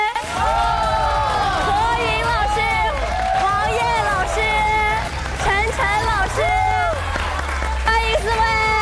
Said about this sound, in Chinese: 让我们热烈的掌声欢迎小香玉老师。